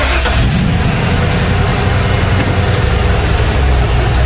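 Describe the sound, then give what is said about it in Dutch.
A heavy truck rumbles past, its loud engine roar and road noise filling the whole few seconds with a steady, dense growl and no voices. “Een vrachtwagen, hoor je die voorbij komen?”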